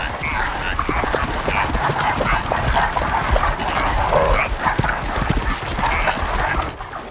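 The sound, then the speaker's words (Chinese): Reindeer hooves drum across the solid surface of a frozen lake as the herd outruns pursuing wolves, a fast, dense, continuous patter of sharp hard clicks, loud and steady throughout, with a broad rushing noise beneath the hoofbeats. “在这里，驯鹿拥有足够的优势，因为它们比狼群奔跑的速度要快。”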